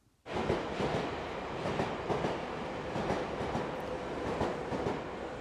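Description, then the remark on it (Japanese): An electric passenger train runs steadily along the rails, its wheels clicking in a loose repeating rhythm over a constant rumbling roar, heard from inside and fairly loud, with no voices. “やっぱりいいですね、電車の旅っていうのはね、はい、風情があって”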